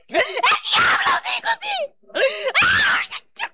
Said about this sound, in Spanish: Oye, Satanás, ¿qué te está pasando? ¿Por qué gritas? ¿Por qué gritas?